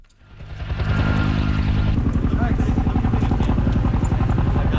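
A helicopter dropping water on a wildfire in Greece: its engine roar swells within the first second into a loud, steady drone with a fast rhythmic chop, continuous, with no talking.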